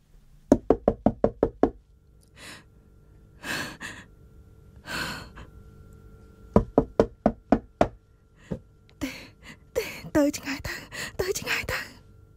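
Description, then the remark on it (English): A man knocks sharply and rapidly on a door in repeated bursts that grow louder and stronger, separated by heavy sighs and breaths, with a busier, more insistent flurry of knocks and noise near the end. “He keeps knocking. The man's knocking becomes louder, stronger, and she thinks angrier.”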